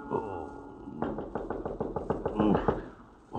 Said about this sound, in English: I am on my bed when I hear a knock on my door.